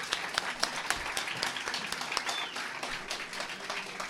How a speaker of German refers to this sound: Eisenach, Matthias Klaas, nochmal einen donnernden Applaus.